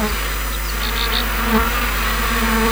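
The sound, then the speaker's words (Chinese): Xinjiang black honeybees, kept by traditional methods on the northern slopes of the Tianshan in the Ili River valley, hum in a steady, continuous drone. Many wings buzz together and hold an even loudness throughout, with no voices. “普通蜜蜂采不到，是黑蜂的这个蜜采蜜的那个舌头啊，它可以伸得特别长，它可以像普通黄蜂采不到的地方它可以采到，所以说就是黑蜂可以采一百”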